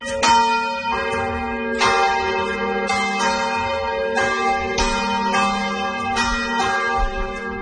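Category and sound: signal or alarm, church bell ringing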